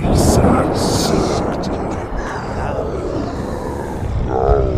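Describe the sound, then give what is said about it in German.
A deep, continuous rumble of thunder rolls through a storm, loud and heavy throughout, with a voice speaking over it. “Der Herr des Donners schrie es nun beinahe.”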